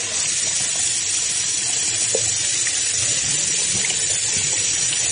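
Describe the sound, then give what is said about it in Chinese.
Water runs and splashes steadily while someone rinses a small Japanese-brand facial cleanser off their face after testing whether it removes Kiss Me eyeliner and Shu Uemura brow pencil, a continuous hissing wash with small irregular splashes throughout and no voices. “我们洗脸的时间差不多一分钟以内，所以差不多就揉个几十秒，口水洗掉。”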